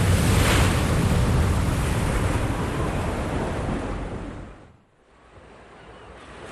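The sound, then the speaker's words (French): Roaring, gigantic ocean waves crash in a thunderstorm at sea, a dense wall of surf and wind noise that swells loudly, then briefly drops away near the end before the churning resumes. “Un orage éclate, tu es projeté hors du bateau, tu essaies de nager mais les vagues gigantesques t'avalent.”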